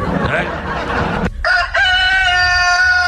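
A burst of rough, noisy rustling gives way to a rooster crowing loudly, one long, drawn-out call with a bright, strained tone.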